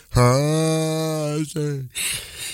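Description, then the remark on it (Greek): A drawn-out, voiced morning yawn with a steady, slightly falling tone, a brief second catch of voice, then a soft breathy exhale at the end. No one speaks. “αγαπημένη πρωινή ήχη, χασμουριματάκι.”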